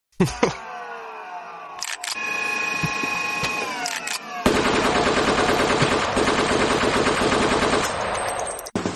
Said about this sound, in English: You needed to try that again, but with the gunshots on top of the vacuum. I don't know if I can stack all those.